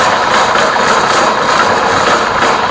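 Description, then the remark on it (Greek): A bowling alley pinsetter sweep, which drops in front of the pins and pulls them back, runs with a steady, loud mechanical whir and hum, an even droning rumble with no talking, holding constant throughout. “Ναι, η σκούπα που πέφτει μπροστά τις κορίνες και τις μαζεύει προς τα πίσω.”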